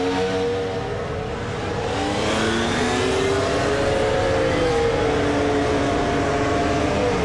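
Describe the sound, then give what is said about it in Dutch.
Formula One cars rev as they drive out after their tyre warmers come off, most on yellow medium tyres, over a continuous loud roar, their pitch rising and sweeping in overlapping harmonic whines, with no voices heard. “Terwijl hier de bandenwarmers eraf gaan en het gros van de auto's die ik naar buiten heb zien rijden, ging op de medium, zoals we dat hier ook zien.”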